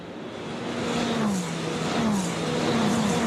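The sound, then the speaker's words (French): A Ferrari Challenge race car engine roars loudly and steadily during a race, its pitch sweeping upward through gear changes as it accelerates, with a second engine tone layered in; no talking. “Vous allez voir que le phénomène d'aspiration dans la ligne droite il fonctionne extrêmement bien avec ces Ferrari Challenge.”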